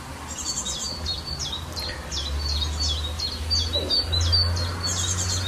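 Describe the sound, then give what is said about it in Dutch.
An icterine warbler sings in a garden in Estrum, Friesland, a rapid, varied run of chirpy, repeated phrases, bright, over a steady low rumble of background noise. “Een briljant variërende en imiterende vogel.”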